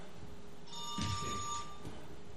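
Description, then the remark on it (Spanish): A telephone rings for an incoming listener call via WhatsApp, a bright, steady electronic tone lasting about a second over a quiet background with no voices. “¿Otra llamada?”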